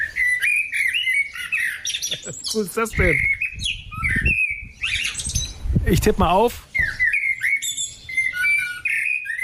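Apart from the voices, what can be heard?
songbird singing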